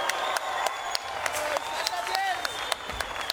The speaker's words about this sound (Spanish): Otro aplauso, por favor. Un aplauso más fuerte.